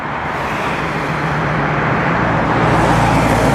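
A steady, loud roar of heavy highway traffic at the entrance to Sofia, Bulgaria, on the approach from the Trakia motorway, with continuous engine rumble and tire noise from vehicles streaming past, no pauses and no voices.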